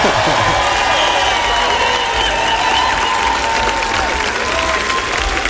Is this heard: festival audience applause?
yes